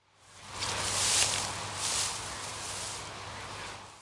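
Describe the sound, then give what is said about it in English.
Soft swishing and crunching of a golfer treading through the deep rough on the fifth hole at the Open while preparing to take a shot, a couple of muffled steps swelling and then fading, with no voices. “Yep, that's a man treading on some grass.”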